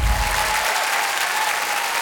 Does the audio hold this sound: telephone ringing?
no